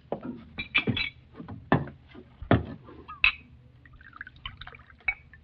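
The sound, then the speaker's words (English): Rye whiskey is poured by a bartender into a glass in short gurgling bursts, with a few clinks of glass, fairly quiet, with no one speaking. “Glass of rye, bartender.”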